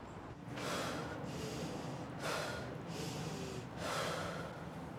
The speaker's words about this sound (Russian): Вдыхаешь, держишь 10 секунд, и уже потом выдыхаешь и дышишь нормально, получается.